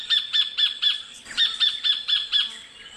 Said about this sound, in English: You can reveal what it is. That'd be definitely a kingfisher, probably a sacred kingfisher.